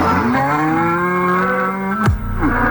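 A cow lets out one long, loud moo that holds steady for about two seconds before dropping off sharply, with no voices over it.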